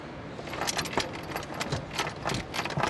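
A wrench works loose screws on a pump, with a series of irregular metallic clinks and rattles over a low mechanical background, no voices.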